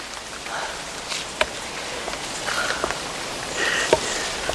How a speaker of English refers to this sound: There are the first drops. Golden drizzle.